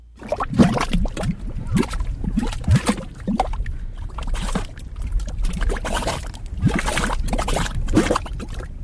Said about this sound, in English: These are mud pots. They look like little volcanoes spitting gray mud. You can only find mud pots in a few places around the country. That's because conditions have to be perfect. You need the right kind of muddy soil.